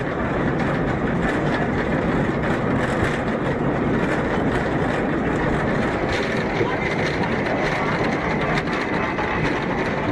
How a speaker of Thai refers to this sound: จากด้านล่างรถรางไต่ระดับขึ้นไปด้วยระยะทางเกือบ1กิโลเมตรใช้เวลาไม่ถึง10นาทีก็ถึงยอดเขาเบอร์เคนสต็อก